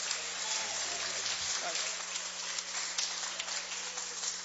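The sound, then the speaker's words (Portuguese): An audience at a Christian worship service stands and claps joyfully to welcome the preacher. The applause is a dense, crackling patter that holds steady for the whole few seconds over a faint low hum. “Vamos receber o servo do Senhor com alegria, com palmas para Cristo.”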